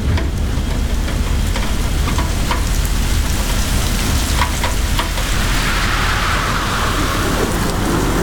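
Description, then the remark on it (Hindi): Heavy rain pours down in a steady, dense roar, with a deep rumble of thunder rolling continuously beneath it. No voices are present. “अभी बहुत heavy rain है और मुझे ट्रेस तो है ही।”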